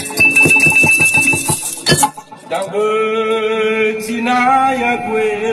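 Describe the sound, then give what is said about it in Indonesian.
A Vita Batu, a nearly extinct musical instrument made of a number of stones that each produce a particular tone, is played with a quick, even series of bright, clinking strikes over a high ringing tone, then gives way to sustained, wavering pitched notes. “Vita Batu adalah alat musik yang terdiri dari sejumlah batu yang dapat menghasilkan nada tertentu.”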